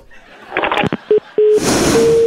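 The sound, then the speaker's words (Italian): Clicks of a receiver, then a phone line's tone after the call is hung up: two short beeps followed by a steady, continuous tone over a faint hiss. “Signora, se mi butta giù il telefono, come facciamo a tarare due 5G?”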